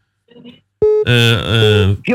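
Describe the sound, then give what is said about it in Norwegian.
A brief electronic telephone ring tone sounds as a call comes in during a bingo game, quickly followed by a loud, strongly pitched voice that carries on over the rest of the moment. “Det ringer, hvem kan det være?”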